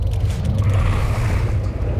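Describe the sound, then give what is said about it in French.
A fishing boat's engine drones as the boat approaches, a deep, steady rumble, heavy in the low end with a faint hiss above, holding constant and fairly loud throughout, with no voices. “Ah non ! Un bateau de pêche !”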